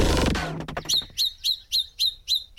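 A yellow-breasted chat (Icteria virens) calls a steady run of about seven sharp, whistled notes, evenly spaced and close, following a short burst of louder, fuller sound that fades at the start.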